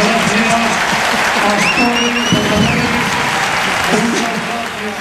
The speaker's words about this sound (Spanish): Aplausos.